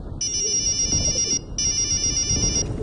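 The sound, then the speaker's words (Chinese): Tang Xiaojun's mobile phone rings with a ringtone in two electronic bursts, each about 1.2 seconds long with a short gap between, loud, over a low background rumble. “此时唐小军的手机响了起来，他打开手机。”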